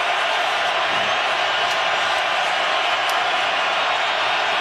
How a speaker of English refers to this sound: Crowd making as much noise as they possibly can.